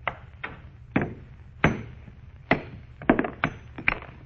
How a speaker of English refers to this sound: All I'm going to do is try and break it along this fissure. You got a hammer, girl? Here. Wonder if the stone will break. Almost solid metal. I'll try.